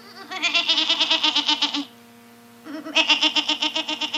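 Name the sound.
goat bleating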